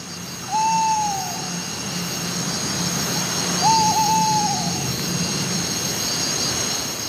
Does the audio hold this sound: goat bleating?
no